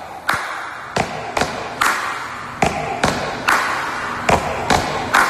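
A loud, steady stomp-stomp-clap rhythm repeats over and over, with heavy thuds of many feet and sharp hand claps layered together so it sounds like a large crowd, with no voices.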